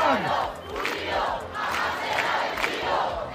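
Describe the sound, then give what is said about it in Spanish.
A large crowd of protest campers at the Puerta del Sol chants together at night in loud, rhythmic bursts, many voices rising and falling in a repeated cadence with steady crowd noise underneath. “Esto cantaban anoche los acampados en la Puerta del Sol, Canals.”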